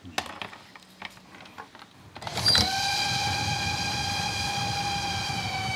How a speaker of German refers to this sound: Ein Zug kommt aus Kühlungsborn, der andere aus Bad Doberan. Sie treffen sich bei Grit Esche in Heiligendamm.